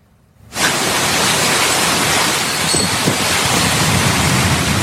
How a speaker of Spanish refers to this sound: Esta tormenta potente fue en Tucson, en Arizona, y causó varios daños. El Servicio Meteorológico Nacional advirtió de un monzón activo, así le llaman, que trae lluvia fuerte, que trae ráfagas de viento que llegan hasta las 80 millas por hora.